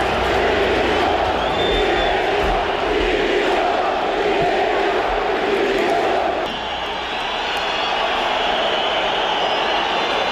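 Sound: football fans chanting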